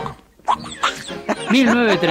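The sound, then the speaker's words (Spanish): The cartoon duck Donald Duck's raspy, quacking voice sputters out garbled, speech-like squawks in a couple of short bursts, fairly loud, rising into a longer strained babble at the end. “Es el día del Pato Donald.”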